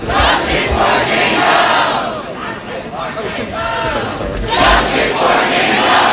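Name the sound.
protesters shouting slogans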